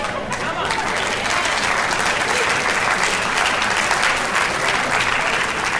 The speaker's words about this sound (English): Those of you who just clapped, you showed that you don't understand what I've been preaching for the last 30 minutes.